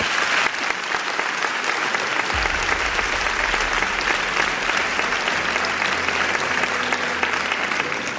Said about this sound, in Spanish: Os pido un aplauso para ellos dos.